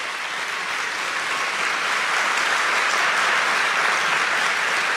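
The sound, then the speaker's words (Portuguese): An audience at a sermon applauds steadily for about five seconds at the preacher's invitation, a dense, even wash of many hands clapping at once, loud throughout with no voices standing out. “Pode aplaudir, pode aplaudir, pode aplaudir, pode aplaudir.”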